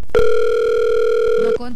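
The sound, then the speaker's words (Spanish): A telephone ringback tone sounds once, a steady electronic buzz lasting over a second and fairly loud, before it cuts off with the call unanswered and a voice briefly starts speaking. “No contesta.”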